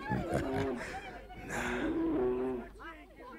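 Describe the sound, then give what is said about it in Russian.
A person imitates a bear's roar: deep, drawn-out growling in two long rumbling bursts, loud, trailing off into a shorter grunt. “А это сам медведь.”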